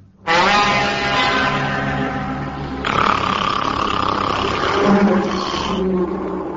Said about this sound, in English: It was a dragon. Hey! I'm the fire-breathing dragon!